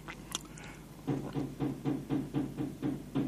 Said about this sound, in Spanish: Me están golpeando la puerta. ¿Quién es? ¿Quién es que golpea?